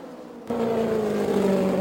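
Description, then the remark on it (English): On a race track, the engine of Janet Guthrie's green and white race car suddenly roars in after a quiet moment as she goes by down low inside. It holds a loud, steady, buzzing drone with a low hum and a slightly rough, somewhat sour edge. There are no voices. “The engine does sound a little sour”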